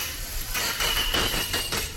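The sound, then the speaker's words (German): A dentist's drill in the dental practice beneath the Schlagerradio studio whines with a thin, steady high-pitched tone over a broad, rumbling grind, running continuously for two seconds at moderate loudness with no talking. “Unter unserem Studio ist ja eine Zahnarztpraxis. Ja, siehst du, da wollte ich mich nochmal vorstellen.”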